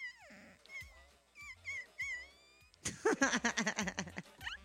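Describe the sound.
A person imitates a dog, starting with high, wavering whimpers and yelps like a crying puppy, then breaking into a loud, rough run of rapid growling barks.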